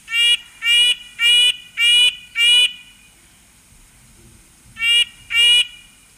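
A recording of a bird with a blue-gray back, played back and held up to a microphone, repeats a nasal, squeaky call like a rubber duck, five evenly spaced honks, a pause, then two more, each buzzy and harmonic-rich, with no talking.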